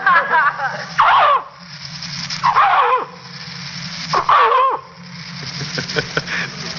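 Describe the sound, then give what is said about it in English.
A man, an animal impersonator, imitates a dog, giving three loud, harsh barks spaced about 1.5 seconds apart, each a short rough burst that falls in pitch, with quieter vocal noises between them. “Well, most of the time, I'm a dog.”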